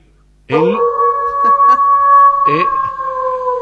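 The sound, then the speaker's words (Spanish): A long, steady wolf-like howl holds one high pitch for about three seconds, with a rough, breathy swell at its start and another midway through. “hay que decir qué pasó, qué es eso. Está afinando para el comentario. El lobo.”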